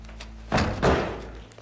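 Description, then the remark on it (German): A simple door thuds shut with two heavy, dull knocks in quick succession, followed by a fading rumble in otherwise quiet surroundings. “6 Minuten für eine einfache Tür.”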